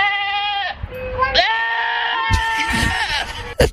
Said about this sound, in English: How about goat screaming?